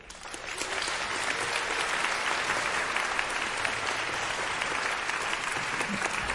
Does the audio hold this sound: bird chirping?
no